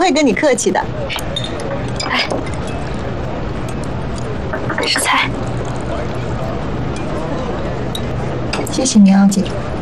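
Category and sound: household object, glasses clinking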